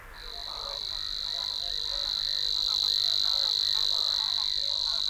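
A Savi's warbler's steady, high-pitched reeling trill runs without a break, while a sedge warbler's varied, scratchy chattering song weaves underneath it, in the reed beds of a shallow lake in northeastern Germany in early spring. Both birds sing continuously and fairly loudly, with no voices.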